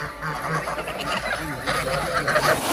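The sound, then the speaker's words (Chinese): A dense chorus of Landes geese, a breed introduced from France and bred in Linqu, honking continuously from many birds at once, loud and overlapping, with no speech. “加之林渠地处宜山北麓，与法国朗德地区的气候高度相似，朗德鹅一经引入，便在这里实现了成功繁育。”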